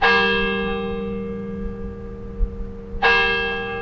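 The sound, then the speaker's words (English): Two loud strikes of the Denny Chimes bell tower, a brick and limestone tower completed in 1929 on the University of Alabama campus, about three seconds apart, each ringing out with rich, lingering overtones that slowly fade. No voices are heard. “The days and nights of this institution have been marked by the sound of Denny Chimes' bells since the brick and limestone tower was completed in 1929.”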